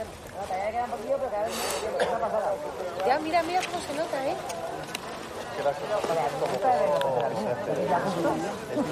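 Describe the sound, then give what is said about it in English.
A dense, steady hubbub of many overlapping crowd voices where BBC News correspondent Pallab Ghosh is reporting, with no single speaker standing out and a few brief sharp knocks breaking through the murmur. “He's looking at, well, hopefully not directly at it, but we can hear crowds in the background.”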